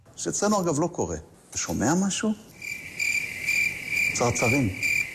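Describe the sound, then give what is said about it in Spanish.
A person speaks briefly, then steady high-pitched cricket chirping sets in and continues to the end, clear, with a short bit of talking over it; used by Israeli Foreign Minister Gideon Sar to mock the Spanish government's silence. “En este caso, atacaba a Pedro Sánchez con esos grillos que escuchaban en referencia al silencio del gobierno español tras lo ocurrido”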